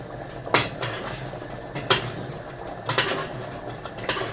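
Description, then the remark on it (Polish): A utensil gently stirs a bolognese sauce with diced canned tomatoes in a pan, with sharp clinks against the metal at irregular intervals over a low bubbling simmer. No one speaks. “I wrzucam na chwilę jeszcze do przygotowania się razem z sosem. Mieszam delikatnie.”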